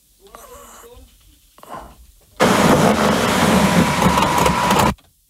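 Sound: car engine starting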